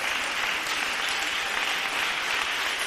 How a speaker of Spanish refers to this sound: Démosle un fuerte aplauso al Señor Dios de los cielos. Con este aplauso vamos a finalizar. Aleluya. 30 segundos de aplausos.